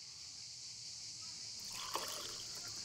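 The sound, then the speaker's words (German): A short, quiet pour of pastis, about 2 cl, into a glass, gurgling and splashing for about a second after a stretch of steady background hiss, with no one speaking. “Der große Moment. Zuerst den Pastis.”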